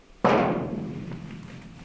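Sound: knock on a door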